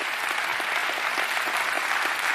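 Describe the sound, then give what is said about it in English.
An audience claps, giving the Lord a hand clap of praise. Many hands produce a loud, dense, continuous wash of applause that holds steady without a clear beat. “If you are sure, give the Lord a hand clap of praise if you're sure that God is a good God.”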